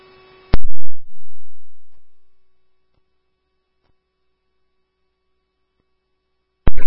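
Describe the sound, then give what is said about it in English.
A radio dispatch paging tone for Scandia Chief 1: a crackly squelch burst, then a long steady electronic tone that starts loud and fades, with another sharp radio burst at the very end. “Scandia, Chief 1, acknowledge his tones.”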